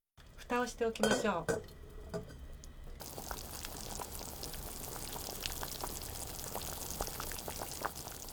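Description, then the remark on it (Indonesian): A metal lid clanks down onto a pot of chicken broth with a short, ringing clatter, then a steady, soft sizzling and bubbling continues as it simmers over low heat for 20 minutes. “Kemudian tutup panci dan panaskan di atas api kecil selama 20 menit.”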